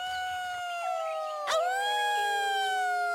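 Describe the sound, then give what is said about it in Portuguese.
A long, sustained wolf-like howl rings out loud, holding a steady pitch with a brief wavering dip midway before sliding slightly lower and carrying on, with no talking. The howl is a cry of joy from two warriors of a werewolf tribe. “Na verdade, não havia razões para o Cromlech ter medo daquele uivo.”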